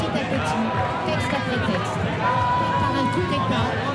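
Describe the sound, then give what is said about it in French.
A dense crowd at a street demonstration against the so-called 'permis de tuer' (licence to kill) law on police use of weapons: many overlapping voices form a loud, steady roar throughout, with a thin whistle-like tone sounding briefly partway through. “Alors, t'es là dans la foule et tu demandes que faire.”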